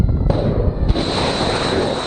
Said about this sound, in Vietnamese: Nhiều tiếng nổ lớn được ghi nhận tại khu vực phía nam Iran, trong đó có Bandar Abbas, Minab và Sirik.